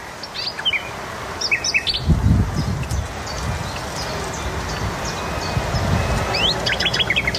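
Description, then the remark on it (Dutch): A nightingale sings in the Noordwijk dunes in short, varied high-pitched phrases, ending in a quick run of repeated notes, over a steady background hiss with some soft low thumping. “De nachtegaal in de Noordwijkse duinen. Die is al goed bij stem, die nachtegaal.”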